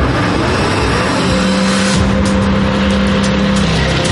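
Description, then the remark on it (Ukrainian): A car engine runs steadily as the car turns around near the flooded village of Novovasylivka, Ukraine, close to power line pylons, its tone rising and holding, with a sustained whine and some tire noise; no one speaks. “Бачите, ви в машині розгортатися.”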